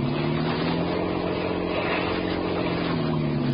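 A motorboat engine races at high revs during a chase after another boat, a steady loud droning roar with a low harmonic hum that holds constant throughout, unbroken by any voices.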